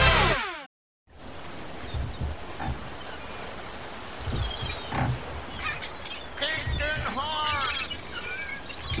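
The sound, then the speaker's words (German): A fresh wind rushes steadily in the background as several seagulls cry out, their harsh, wavering calls growing more frequent toward the end after a brief silent gap near the start. “Frischer Wind und Möwengeschrei.”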